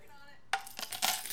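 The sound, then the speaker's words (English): Coins drop and clatter: a sharp metallic clink after a brief quiet moment, followed by a few more bright, jangling hits as the change settles. The change is being collected on a street in Hayward, in the East Bay, during a live broadcast. No one speaks. “Right now, we are taking some change.”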